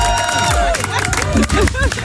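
A group claps and cheers together for the grill master at an evening barbecue at the Kaiserstuhl, scattered hand claps mixed with overlapping shouts and lively chatter, loud and steady for about two seconds.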